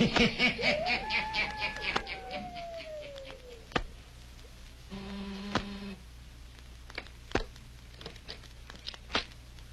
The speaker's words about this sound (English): He waits a few seconds. He presses the buzzer again. Listen.